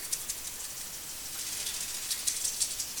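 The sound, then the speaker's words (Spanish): An audience softly shushing and hissing together to imitate rustling trees, a steady breathy wash of sound with small swells, with no clear words. “Yo se las puedo contar a ustedes, pero si me ayudan con el sonido.”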